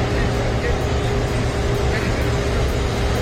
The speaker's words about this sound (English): people are talking about, well, the trucks arrived at Madison Square Garden a couple of days ago.